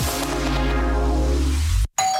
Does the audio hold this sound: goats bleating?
no